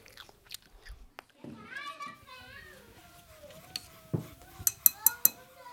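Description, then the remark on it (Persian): Someone bites into a crisp, tasty apple: a few sharp crunches come in quick succession near the end, after a child's voice vocalizes and chatters faintly in the background. “اینم سیب. خوشمزه است. گاز میزنه. هیچی نمیمونه.”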